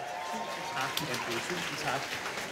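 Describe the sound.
An audience applauds steadily as a guest from the radio channel P2 comes onto the stage, a dense crackle of many hands clapping at once, with voices and cheers mixed into the noise throughout.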